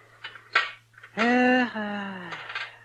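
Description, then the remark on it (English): A few sharp metallic clinks ring out, followed by a longer sustained tone that slowly fades, as a doctor's metal instruments are handled and knocked together while being cleaned. “This is the first chance I've had this week to clean a few instruments properly.”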